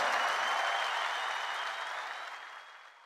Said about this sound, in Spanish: Maestro Miguel Botafogo. ¡Fuerte el aplauso!